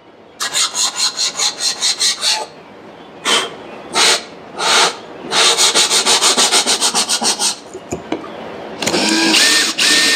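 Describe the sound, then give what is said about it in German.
A jigsaw cuts a curve in the panelling of a white 2019 Opel Movano van being converted, in loud, harsh rasping bursts: first a quick rhythmic run, then a few longer pushes, then a rapid stuttering stretch, and finally a steady buzzing cut with a motor whine. “Hier fangen wir jetzt an, mit der Stichsäge die Rundung von der Verkleidung auszuschneiden.”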